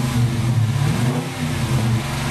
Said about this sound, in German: Jawohl, 5,7 Liter V8 Motor, 375 PS, Baujahr 2018, ein schwarzer Dodge Challenger Coupé, was ein Brecher. Und dieses Teil wird jetzt auf dem Herbstfest in Dorsten versteigert.